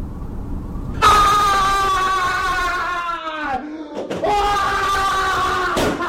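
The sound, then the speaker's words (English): A person in a workplace scream room, a place for staff to vent frustrations, lets out a long, loud, piercing scream, breaks off briefly for a breath, then screams again at full force with no words. “So we created this Scream Room. It's a place where people can vent their frustrations, but in a professional way.”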